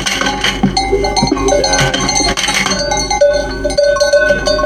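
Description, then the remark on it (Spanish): Many livestock bells clank and jingle continuously as a flock of sheep is let out one at a time through a special gate that separates males from females, with a steady shuffling farmyard bustle and no voices. “Con un sistema de puerta especial, Henri hace salir a los animales de uno en uno, seleccionando los machos de las hembras”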